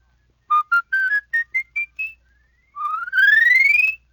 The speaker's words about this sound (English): Now with your palate whistle, you can run a whole octave.